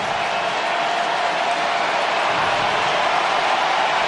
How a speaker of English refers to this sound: Pittsburgh crowd getting into it, making it more difficult with the crowd noise.